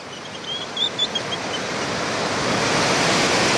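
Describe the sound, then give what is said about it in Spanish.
Ocean waves break on the shore at the port of Barquito in Chañaral at 8 in the morning, in a broad, steady roar of surf that gradually swells louder, with a few faint high chirps early on and no voices. “Mira, escuchemos el mar, escuchemos.”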